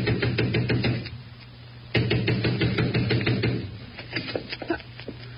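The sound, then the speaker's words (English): A fist pounds hard on the front door of a house in rapid, heavy bursts, pausing briefly and then resuming, loud, with a low hum underneath. “I ran to the front door and began pounding.”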